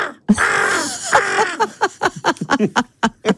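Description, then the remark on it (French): A person vocally mimics a crow: a long, harsh raspy caw followed by a second drawn-out call, then a quick series of short, choppy caws, loud. “Ah non, mais tu fais très bien le corbeau.”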